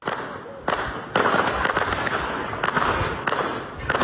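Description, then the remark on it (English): Several sharp, loud bangs of gunfire and explosions from heavy fighting in the Somali city of Baidoa burst out at irregular intervals over a steady, harsh rushing background noise, each blast leaving a sustained roar behind it. “Gunfire and several explosions have been reported.”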